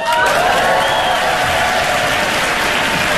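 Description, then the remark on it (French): A loud, dense wash of audience applause fills the whole stretch, steady, with faint cheering mixed into the clapping, after the performer says he has been a dad for three months. “Les gens applaudissent, c'était facile.”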